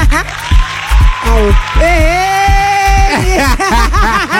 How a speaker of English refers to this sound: Oh, I know there was nothing for that. Why are you clapping?